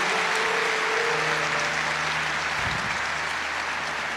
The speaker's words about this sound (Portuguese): Dê para Jesus mais uma forte, forte salva de palmas. Dá a Jesus um forte aplauso. Forte aleluia. Aplauso a Jesus, aleluia.